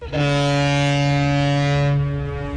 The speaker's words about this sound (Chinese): 长江滔滔奔流不息，一艘艘满载新麦的货轮鸣笛起航，沿着长江干流和支流驶向天南海北。